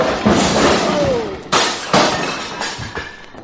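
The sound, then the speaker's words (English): Glass bottles on a bar crash and shatter as a man falls against the bar during a fight, a loud, bright burst followed by two more sharp smashes and a scatter of tinkling, clinking shards that trail off. No one speaks. “The way you're hitting him, he's going to fall against the bar and upset those beautiful bottles.”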